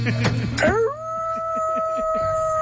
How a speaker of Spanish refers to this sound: Y los perros aullaron.